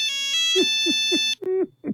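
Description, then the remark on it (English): A Nokia mobile phone ringtone plays loud: a quick melodic run of bright, buzzy electronic notes with a steady tone beneath, ending in a couple of short chirps. No one speaks. “All right, mobile phones were around in the 90s, but not smartphones the way we have them now. But you might remember this. Oh, yes. Nokia.”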